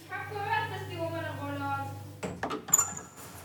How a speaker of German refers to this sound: mach mal die Tür auf. Wieso schließt du eigentlich immer ab?